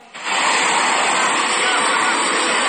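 A helicopter sound effect of a helicopter flying overhead: a loud, steady roar kicks in after a brief moment and holds at full strength, a dense whooshing engine drone with a faint rhythmic churn underneath, with no voices.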